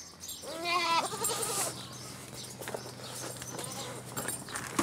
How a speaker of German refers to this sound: Die Ziegen immer da, wo der Futtereimer ist. Aber sie sind heute nicht dran.